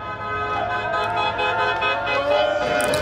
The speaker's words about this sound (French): Le fameux concert des klaxons hein, qui a résonné tout autour de la place Flaget et sans doute un peu partout en Belgique. Alors, des supporters qui crient et puis qui klaxonnent, je ne vous avais pas menti.